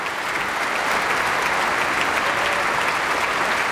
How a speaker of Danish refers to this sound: Ja, det var da noget, som publikum kunne lide at dømme efter bifaldet. Et meget energisk stykke.